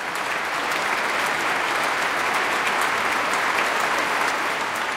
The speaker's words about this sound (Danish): Flot udgave af Saint-Saëns klaverkoncert. Og der er også spontane bravo-råb, kan jeg høre, fra publikum i Minneapolis.